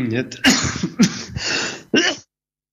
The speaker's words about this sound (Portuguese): Peço-me imensa desculpa, mas esta minha proverbial tosse alérgica prega-me destas partidas